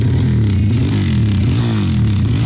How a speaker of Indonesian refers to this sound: Makanya gak usah aneh-aneh, pakai knalpot brong segala lagi. Buruan, ganti sana knalpotmu. Tapi keren kan suaranya?